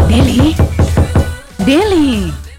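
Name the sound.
knocking on a door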